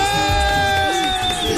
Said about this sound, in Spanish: Está buena. Aplauso, aplauso, aplauso. Muy buena.